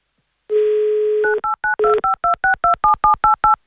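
A steady dial tone hums for about a second, then a quick, even run of roughly eleven clipped two-pitch beeps as a telephone number is keyed in to call a listener of the Avtoradio radio station. No voices are heard.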